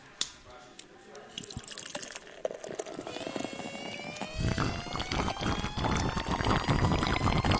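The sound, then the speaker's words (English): Craft beer pours into a glass, opening with a few small clinks and drips, then swelling into a steady, fizzy gurgle whose pitch rises as the glass fills. “But right now, as we continue, what do you say we sample some fine craft beer? It is time for Just a Sip.”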